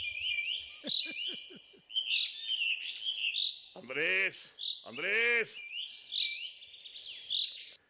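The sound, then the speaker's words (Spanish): Small birds chirp and tweet continuously in a busy, high-pitched chorus as they are fed at a ranch, with a man's voice calling out twice over the chatter. “es que le estoy dando de comer a los pajaritos aquí en el rancho.”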